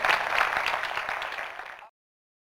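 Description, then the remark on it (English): An audience applauds a team of Foley artists: a dense, even wash of many hands clapping for about two seconds, holding steady before stopping abruptly into silence. No voices are heard. “Let's hear it for our talented team of Foley artists.”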